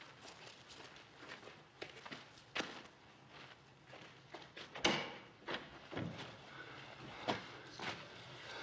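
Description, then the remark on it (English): Footsteps shuffle and scuff across a hard floor while a wooden stable door swings open with a sharp thud midway, all fairly quiet, with no talking. “Don't close the door so we can hear if anyone's coming.”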